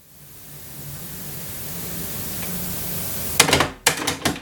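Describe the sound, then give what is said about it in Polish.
Steady tape hiss runs for a few seconds as side A plays, then a cassette deck's auto-reverse mechanism switches from side A to side B with a burst of loud mechanical clicks and clunks, followed by a second rattling clunk. “Tak, włączyła się i powinna się zaraz przełączyć na B.”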